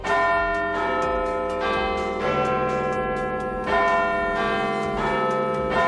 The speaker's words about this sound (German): Das ist der Big Ben, der Glockenturm am Palace of Westminster.